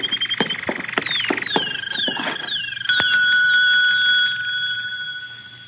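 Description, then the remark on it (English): A desk bell, rung to summon the proprietor, is struck repeatedly in quick, uneven succession, then one final ding rings out clearly and lingers, slowly fading. It is fairly loud, with no one speaking. “There's a bell over in the desk.”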